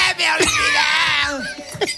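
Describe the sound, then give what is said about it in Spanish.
While a family sings a song, a man lets out a loud, strained bellow that holds for over a second, wavering in pitch like a shouted note, with brief vocal bursts around it. “Que llega el gritito, y llega el del berrido, mira, mira.”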